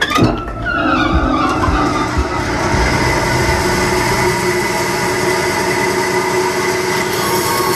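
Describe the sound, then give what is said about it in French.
A band saw cuts through a wooden log, rough-cutting the shape of a clog, with a loud, continuous grinding roar and a steady high-pitched whine layered on top, holding unbroken from start to finish with no voices. “Et après, on va aller sur la scie à ruban. Et là, on va la mettre en route.”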